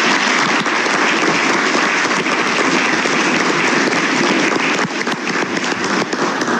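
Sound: applause in council chamber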